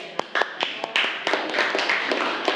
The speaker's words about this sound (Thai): โอเคปรบมือเพื่อนหน่อยค่ะ